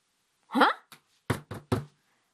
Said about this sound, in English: This is a good watermelon. But can we eat it? Let's knock on it, and we can hear. We can hear if it's good. Knock, knock, knock.